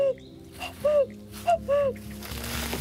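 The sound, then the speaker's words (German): A person in a national park imitates a cuckoo with a few clear, hooting two-note calls, each pair falling in pitch, fairly loud, over quiet outdoor background noise that rises near the end. “Klingt wirklich echt. Kompliment. Doch wenn man viel Glück hat, hört man hier im Nationalpark auch den echten Kuckuck rufen.”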